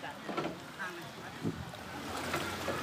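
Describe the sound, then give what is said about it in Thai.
A flat-bottomed boat carrying about ten pigs out of a flooded area moves through swift, widespread floodwater with a steady low rumble and broad watery wash, fairly quiet, with faint indistinct voices and occasional knocks in the background. “เนี่ยครับคุณผู้ชมก็ต้องใช้วิธีการนำหมูขึ้นเรือท้องแบนไปออกจากพื้นที่นะครับโหแล้วกี่ตัวเนี่ยคุณผู้ชมเป็น10นะครับ”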